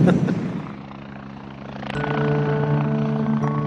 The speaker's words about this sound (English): They said we'd never get a Sea King flying. Oh, we have.